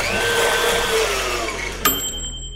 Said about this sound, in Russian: Яблоко выбираем. И забрасываем в нашу смузи-машину.